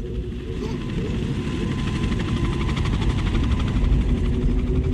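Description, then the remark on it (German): A helicopter drones steadily overhead, its rotor thrumming in a continuous low pulse that stays loud throughout, with a faint engine whine riding above; helicopters dropping tear gas grenades. “Tränengasgranaten fielen aus Hubschraubern.”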